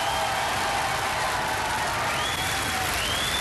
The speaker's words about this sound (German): Und jetzt, meine Damen und Herren, bitte Ihr Applaus für das grüne Team.